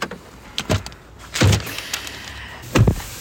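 Someone climbs into a green electric car in Borlänge: three dull, solid thuds with brief rattly tails land about a second apart, the last like a door shutting, with faint rustling between and no talking.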